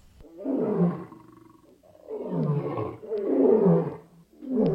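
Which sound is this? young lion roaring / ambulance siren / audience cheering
young lion roaring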